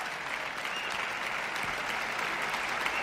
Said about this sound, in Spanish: Gustavo hace que reciban también su parte, obviamente, los solistas de la orquesta, que han tenido pues su papel importante. Ahora el concertino, toda la orquesta en pie y ovación general para la Orquesta de la Comunidad Valenciana.